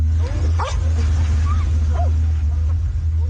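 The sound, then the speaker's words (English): Rescue dogs bark and yip in a few short, scattered bursts as they search a mud-caked pile of rock and debris after flash flooding in a border region, over a constant heavy low rumble like an engine, with faint voices in the background. “Rescue dogs search a mud-caked pile of rock and debris, but the hope of finding survivors is fading.”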